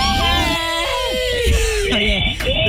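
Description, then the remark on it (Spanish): A loud, high-pitched human scream, strained and wavering in pitch, sustained for a few seconds on the radio show Mañanas Máximas, with other voices briefly mixed in. “Tremendo grito ahí.”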